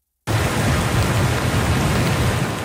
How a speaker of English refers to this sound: the worst of the storm appears over, but the threat of more torrential rain remains.